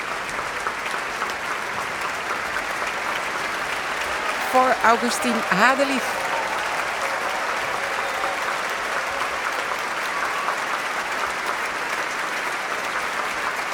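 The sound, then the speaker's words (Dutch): A standing ovation in Amsterdam for an Italian-born violinist, joined by the musicians of the Concertgebouw Orchestra: sustained, dense applause from a large audience fills the whole stretch at an even, steady level, with a man's voice briefly speaking over it partway through. “En opnieuw een staande ovatie.”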